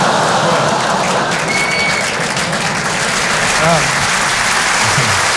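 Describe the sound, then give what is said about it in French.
Steady, dense applause from a sizable audience in a hall, applauding a joke, continuous and loud for several seconds, with faint voices and murmurs mixed underneath. “Applaudir là-dessus, c'est génial.”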